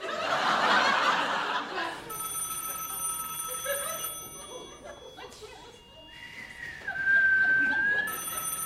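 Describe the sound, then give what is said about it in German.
A telephone rings in repeated electronic bursts, steady, after a short burst of laughter at the start; faint background noise continues underneath. “Dann nimm mal meine Brille, dann siehst du, dass es klingelt.”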